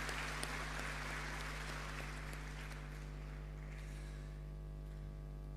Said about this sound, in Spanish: Un aplauso a las mamitas de un hijo.